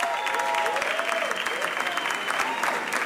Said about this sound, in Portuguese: Uma salva de palmas para eles.